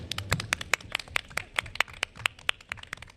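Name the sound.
audience applauding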